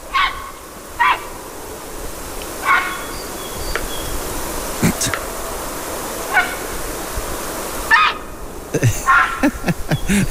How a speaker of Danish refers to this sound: Det kan være mange, men jeg føler, vi er ude en større fugl her. Jeg gætter på, at det er en hejre. Det er rigtigt!